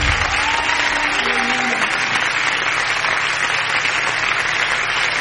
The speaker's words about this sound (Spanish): vas a dar palmas al Señor, dáselas con todo tu corazón.